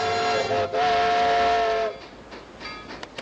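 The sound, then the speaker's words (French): A loud steam train whistle blows in two long, steady blasts, then gives way to quieter rumbling and faint chugging with a few short whistle toots near the end. “Eh bien oui, effectivement, le chouchou, le sifflet et tout ça, là, ça fait partie des westerns.”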